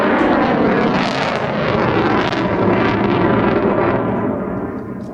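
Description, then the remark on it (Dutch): An F-35 fighter jet on a normal overflight roars loudly overhead, a dense, rumbling thunder that holds steady for several seconds before beginning to fade as it passes. No voices are heard. “Knallend geluid is het, hè? De F-35 heeft veel power.”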